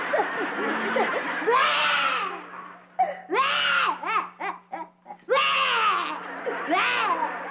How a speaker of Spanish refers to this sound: Ya sé por qué estás llorando. ¿Tú sabes por qué estoy llorando?